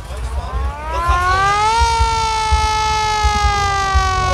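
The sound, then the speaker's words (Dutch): A hand-cranked rattle with a siren winds up from a low groan to a loud, steady wail, sustained, with a faint rumbling underneath and no talking. “Ratel, die ratel wil ik even horen, hoor. Ja, met een sirene.”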